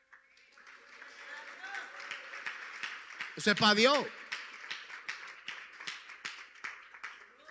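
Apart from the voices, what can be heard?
audience applause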